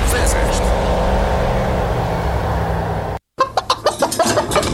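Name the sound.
chickens clucking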